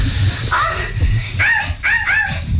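A dog lets out a few short, sharp barks, one on its own and then a quick cluster of three, over a busy, noisy background with low rumble, in a film scene of a children's birthday party.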